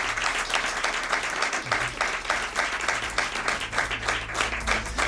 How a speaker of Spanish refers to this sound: y sobre todo sin la ayuda de mis compañeros, ¿no?, de Radio Rioja, a quienes quería dar las gracias y un fuerte aplauso y abrazo.